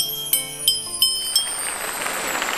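Four quick, evenly spaced strikes on a Chinese yunluo gong set, a distinctive instrument the player brought from her hometown, played with a mallet whose head is a peach pit, each a bright, high, ringing metallic tone at a different pitch, leaving a shimmering resonance that lingers afterward.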